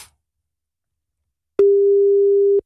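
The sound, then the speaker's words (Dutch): After a stretch of silence, a single steady electronic beep of about one second sounds clearly, the ringing tone of an outgoing phone call waiting to be answered. “Oh, wacht. Hij gaat nu over.”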